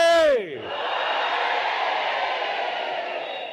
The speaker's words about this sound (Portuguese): Agora, por favor, mulheres, apoiem lá os homens para ver se consegue fazer chegar o grito lá em Govuro ou em Inhassoro. Vamos gritar todos, mas, por favor, mulheres, apoiem também os homens. Moçambique, oi! Oi!